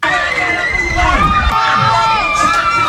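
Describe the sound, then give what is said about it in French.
A large crowd in the streets of Yaoundé, Cameroon, shouting and cheering joyfully after Cameroon's women's football team won the Women's Africa Cup of Nations final, many overlapping high-pitched voices rising and falling together in a loud, continuous roar of celebration, dense throughout. “Beaucoup de sifflets finales, ces cris de joie ont résonné bien au-delà des rues de Yaoundé.”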